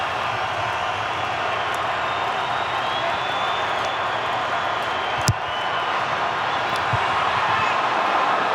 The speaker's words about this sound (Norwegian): Får med seg publikum her nå, og det en velfortjent applaus han får, altså.